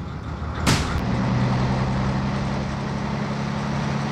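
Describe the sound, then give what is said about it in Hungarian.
A bus engine rumbles with a low, steady drone after a sharp hiss of release, the heavy motor holding its deep hum as the bus, with two red tail lights, pulls away. No voices. “Két piros lámpa szem van az autóbuszon, ami egy cseppet sem kisebb, pedig csak összép szalad.”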